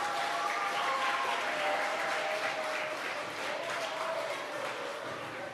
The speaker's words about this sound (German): So, auch für die drei einen Applaus, bitte.